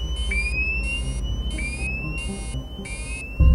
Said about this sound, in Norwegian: Så går brannalarmen. Venstre motor, flyets eneste fungerende motor, står i brann.